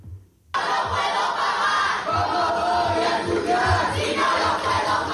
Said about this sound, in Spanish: Y el acto oficial del inicio de curso de la Universidad de Sevilla, Pablo de Olavide, ha sido suspendido cuando el consejero de universidad, Jorge Paradela, fue interrumpido por abucheos de estudiantes desde el Paraninfo.